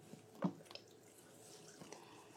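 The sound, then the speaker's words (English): Unsweetened almond milk is poured in while making quinoa waffles, with a short, soft splash, followed by faint trickling and a few quiet drips. The sound is low in volume, with no voices. “And then we're going to have the unsweetened Coke almond milk.”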